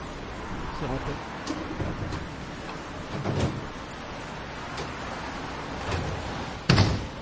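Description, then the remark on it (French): A bicycle is loaded onto a bus headed for Briançon, with metallic clanks, thuds and a sharp bang near the end, over a steady background hum and faint indistinct voices. “Tiens, on charge le vélo.”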